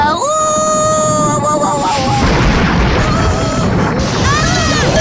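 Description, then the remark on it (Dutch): A loud thunder crash rolls in and rumbles for several seconds, with high wailing tones sounding before it and briefly again near the end. “Wat een donders geknal, zeg.”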